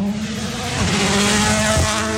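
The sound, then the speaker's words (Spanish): A rally car at a World Rally Championship event roars past at high speed, its loud engine note rising and shifting as it nears, with a brief tire scrub near the end and no talking. “Vemos, ya escuchamos, escuchamos parte del ambiente, ojo, que se aproxima un auto, escuchemos.”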